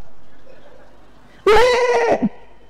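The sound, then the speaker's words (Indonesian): A single loud, wavering goat-like bleat, imitated by a human voice to show the bleat of a hungry goat, bursts out after a quiet stretch and lasts under a second, with a short trailing catch at the end. “Ternyata kambing itu kalau mengembik saja, itu ada 3 jenis embikan kambing.”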